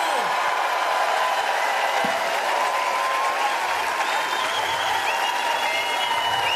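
A concert audience in Bremen gives sustained applause for a celebrating audience member, a dense steady wash of clapping at an even, loud level with faint cheering mixed in.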